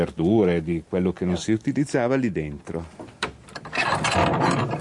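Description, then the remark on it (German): A voice talks over a heavy old door of a 15th-century house being unlocked with a large key and worked open, followed by rough scraping and creaking of wood and metal, the grinding continuing after the talking stops. “Mit einem großen Schlüssel öffnet er die Tür des Hauses, das aus dem 15. Jahrhundert stammt.”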